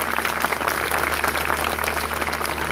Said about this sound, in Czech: už jste jí tleskali. Udělejte to.